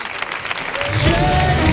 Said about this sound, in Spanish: Fuerte el aplauso